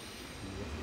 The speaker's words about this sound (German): In wenigen Minuten fährt hier der Zug aus Dänemark ein.